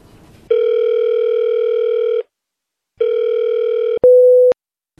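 telephone ringing tone

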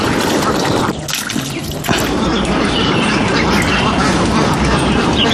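ducks quacking near water

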